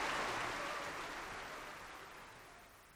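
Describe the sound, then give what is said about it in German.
A dense wash of audience applause, many hands clapping together in a steady crackling roar that slowly fades over a few seconds, with no voices. “Hören Sie doch. Er hat einen Beifall, als wäre er Grog.”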